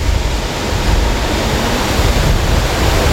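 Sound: water rushing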